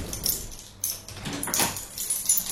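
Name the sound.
keys rattling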